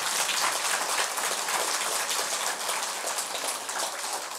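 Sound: audience clapping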